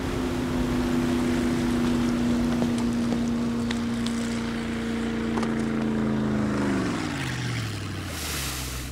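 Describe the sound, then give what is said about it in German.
A boat engine drones steadily over rushing water and wind, then its pitch sinks as the motor slows near the end. No voices. “Sag mal, was tust du eigentlich mit meinem Boot?”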